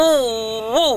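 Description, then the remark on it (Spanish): Someone vocally imitates an odd noise made by the engine of a car in Betania that won't start: a sustained, droning hum that holds steady, then swells and bends upward near the end before cutting off, about one second long. “El motor hace un sonido raro, algo como que...”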